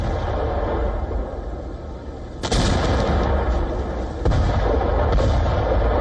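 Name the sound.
explosions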